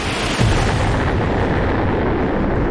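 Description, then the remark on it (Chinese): A massive explosion bursts in and becomes a loud, sustained roaring rumble, dense and heavy throughout: an asteroid impact blast centred on Manhattan, New York, with no voices present. “爆炸会让城市化为瓦砾和灰烬。”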